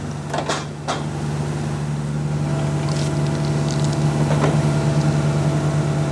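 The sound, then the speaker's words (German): A heavy horizontal drilling machine bores underground beneath a path and a road, running with a steady, loud low engine drone and constant hum, with a few sharp metallic clanks early on and another knock near the end. No one speaks. “Jetzt bohren wir unterirdisch unter dem Weg und unter der Straße durch.”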